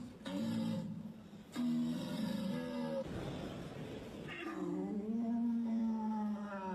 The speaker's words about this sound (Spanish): Así se llama un ciervo.